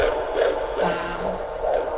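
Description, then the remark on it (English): A fetal heartbeat on a doppler monitor during a midwife's prenatal checkup, the patient almost halfway through pregnancy: rapid, rhythmic whooshing pulses over a steady hiss and hum, clear, with no voices. “She listens to her baby's heartbeat.”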